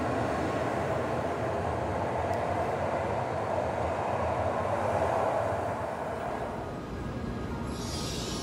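train leaving the station

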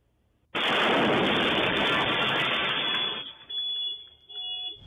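explosion

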